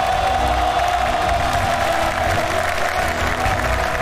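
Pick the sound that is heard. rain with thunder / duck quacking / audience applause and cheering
audience applause and cheering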